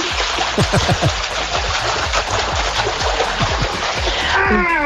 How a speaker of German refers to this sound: also wir haben in unserem Whirlpool gerade 39 Grad und definitiv Wasser. Jetzt kommt der Beweis.